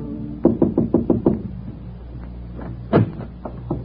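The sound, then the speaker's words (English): Six quick, evenly spaced knocks on the door of a Midtown hotel suite, then a pause before one heavier thud and a couple of softer raps. No voices accompany them. “found out he lived in a Midtown hotel suite all by himself, and one afternoon she moseyed up there and knocked on his door.”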